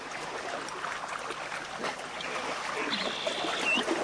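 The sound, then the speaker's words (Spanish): Steady rushing of flowing stream water fills the scene, a continuous babbling wash, with a faint thin bird whistle briefly rising above it near the end. “Porque cuando el viento baja su intensidad, aparece otro paisaje sonoro, el sonido de las aves, el movimiento de los animales y en determinados sectores el agua.”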